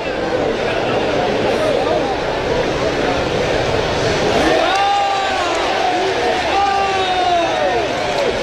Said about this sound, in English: Fans cheering.